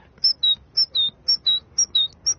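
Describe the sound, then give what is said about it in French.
Someone whistles an imitation of a great tit's song: a clear two-note 'tea-cher' phrase, high then slightly lower, repeated about five times in a steady, even rhythm, fairly loud. “L'oiseau le plus commun qu'on puisse entendre, c'est la mésange charbonnière. Et elle fait...”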